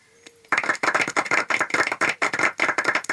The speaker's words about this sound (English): If anybody wants to clap, now's the time to do it.